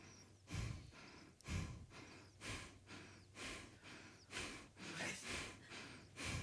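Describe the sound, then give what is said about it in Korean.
Slow, deliberate breaths, a steady series of audible inhales and exhales in an even rhythm, about one every second or so, with no talking, as a person tests breathing into the belly with thumb and index finger touching and into the chest with thumb and ring finger touching. “엄지 검지 붙이면 배로 숨쉬고 엄지 약지 붙이면 가슴으로 숨쉰대요.”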